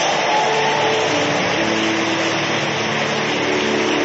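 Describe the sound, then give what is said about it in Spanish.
An audience claps loudly, applauding God, in a dense, sustained wash of applause that holds steady for the full four seconds, with a faint tonal hum underneath and no voices. “Más fuerte ese aplauso para Dios.”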